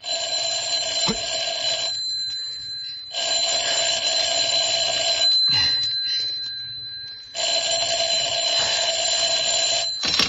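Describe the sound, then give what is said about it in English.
A telephone bell rings in three long, shrill bursts separated by short pauses, loud, with no voices present. “I'm sorry, he can't come to the phone just now.”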